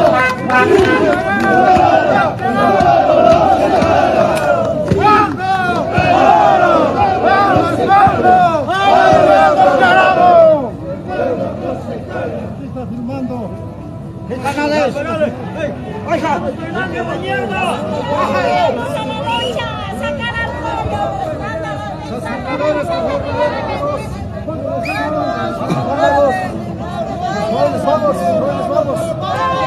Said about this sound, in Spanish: Miren la gente que está descendiendo en este momento, son de la ciudad del Alto, de las diferentes provincias que llegaron de La Paz. Aplausos de la gente también a esta marcha multitudinaria.